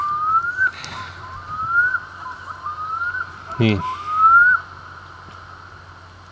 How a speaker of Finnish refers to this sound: Kuikka aloittaa taas.